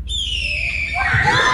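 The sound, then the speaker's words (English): A boy from Oklahoma imitates a red-tailed hawk's scream: one loud, shrill, drawn-out cry that slides slowly downward in pitch and roughens toward the end. “This is what is actually the red-tailed hawk sound.”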